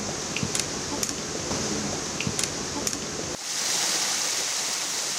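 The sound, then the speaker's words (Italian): Spring water from the Caselle springs flows steadily with a continuous rushing hiss, moderately loud. The springs are midway down the path toward San Fruttuoso in the Portofino Natural Park and still supply the village with water. A few faint splashy ticks come early, then the flow turns brighter and more hissing toward the end. “Alla metà della discesa di San verso San Fruttuoso incontriamo le sorgenti caselle che ancora oggi riforniscono d'acqua il borgo di San Fruttuoso.”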